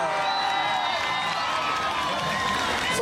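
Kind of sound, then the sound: crowd, crowd applause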